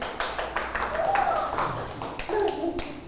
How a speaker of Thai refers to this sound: ปรบมือ